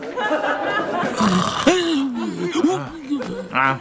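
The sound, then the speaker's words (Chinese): A father's exaggerated, voiced snoring as he sleeps, performed like a cartoon snore, with gurgling, throaty tones that swoop up and down in pitch over several seconds, fairly loud and without any other talk. “哎呀，这不是小子爸爸正在打呼噜呢吗？”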